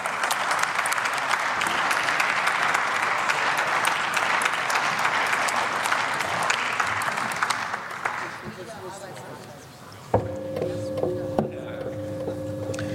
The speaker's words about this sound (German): Frau Präsidentin, meine sehr geehrten Damen und Herren, ein großer Applaus für die Koalition.